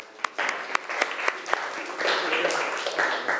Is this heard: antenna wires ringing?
no